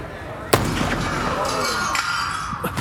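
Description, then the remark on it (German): A single sharp gunshot from one of three masked robbers at a gathering of guests cracks out, hitting only the glass of a display case, followed by the bright, scattering crash of the case shattering, with tinkling shards lingering over a busy background. “Der erste Schuss hat nur das Glas der Vitrine dort getroffen.”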